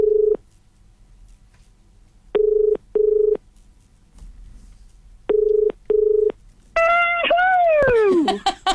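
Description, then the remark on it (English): A run of short, loud electronic phone keypad beeps in quick pairs with brief gaps, then a bright ringing, warbling tone sweeping downward as the line connects, as phone calls are made to get people into a prize draw. “And making those very important phone calls today, trying to get everybody in the draw, as many as we can, for your chance to win”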